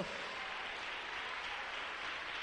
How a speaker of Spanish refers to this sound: Dele palmas al Rey de la Gloria. Aleluya. Santo Dios. Fuerte ese aplauso.